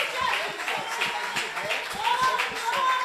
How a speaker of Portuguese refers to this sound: Aplauda, aplauda a presença de Deus. Ele é santo. Ele é santo, aplauda mesmo, aleluia.